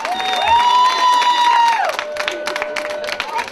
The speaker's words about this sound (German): seid super! Applaus!